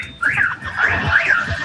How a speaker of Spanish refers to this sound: Está buena la bocina. Ahí le pegué otro bocinazo, ¿viste?